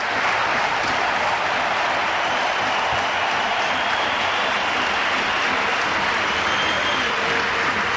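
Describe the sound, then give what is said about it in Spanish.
The standing crowd at the Bernabéu stadium applauds steadily as Real Madrid's Dani Carvajal leaves the pitch in his farewell during a match against Athletic, a dense, continuous roar of clapping that fills the space for the whole stretch without pause. “que sigue aplaudiendo”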